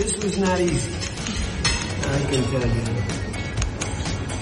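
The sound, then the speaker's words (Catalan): Scattered bright clinks of plates and cutlery ring out at irregular moments over a steady murmur of overlapping voices at a dinner at the Palace of Versailles, where Donald Trump, dining beside Macron, signed the US–Iran memorandum. “La presidència francesa ha compartit el vídeo del moment de la firma amb soroll, com sentiu, de plats i de coberts de fons”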